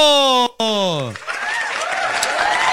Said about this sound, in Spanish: Ok, paso, le damos la bienvenida a la Gran Vereda. Con ustedes, fuerte el aplauso, Puerto Nuevo.